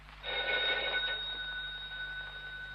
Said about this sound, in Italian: Lidia, rispondi al telefono, Lidia.